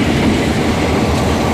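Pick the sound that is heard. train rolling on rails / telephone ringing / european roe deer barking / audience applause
train rolling on rails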